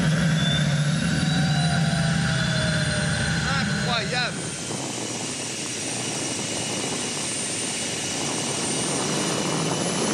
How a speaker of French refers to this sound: Oh là là, quand j'accélère, j'entends la turbine qui se met en route. C'est un truc de dingue.